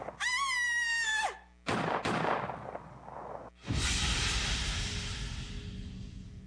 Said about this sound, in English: I guess whoever fired at us got away. Yeah, looks like it.